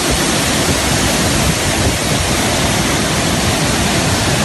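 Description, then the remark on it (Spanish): A loud, steady roar of gushing water from a waterfall, dense and continuous throughout with no pauses, without any voices. It is a 'reventón': a saturated, filled cave network suddenly expelling all its water in one burst. “las red cavernarias se saturan, se llenan, y entonces expulsa todo el agua de un tirón, y es el famoso reventón.”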